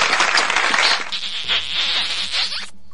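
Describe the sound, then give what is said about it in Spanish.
A crowd applauds with dense, steady clapping that holds for nearly three seconds before stopping abruptly. No one speaks over it. “Aplausos, besos.”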